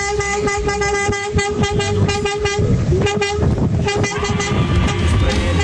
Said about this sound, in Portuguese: Aí, é a nossa amiga buzinando também, tá vendo? É um pouco, entra no embalo, é um embalo legal demais, hein? Olha pro buzinaço!